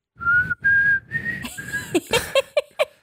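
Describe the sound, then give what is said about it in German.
Someone whistles a tune, holding a few long, clear notes in a row, then breaks into shorter, choppier chirps with some rustling noise underneath. “Wow, ey, du hast richtig gut gepfiffen.”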